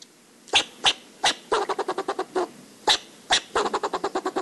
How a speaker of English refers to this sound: And that means learning the other voices in the ecosystem, too. Like the fox squirrel's barks.